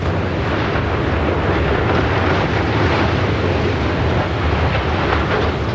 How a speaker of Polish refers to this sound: Wystarczyło kilka sekund i nie ma już śladu po ponad 70-metrowej konstrukcji. W Jastrzębiu-Zdroju wysadzono wieżę szybową po byłej kopalni Jasmos. Użyto do tego 50 kg dynamitu.